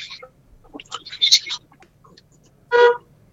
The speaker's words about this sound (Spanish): Bocinazo.